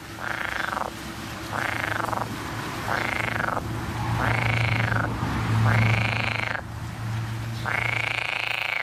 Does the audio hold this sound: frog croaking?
yes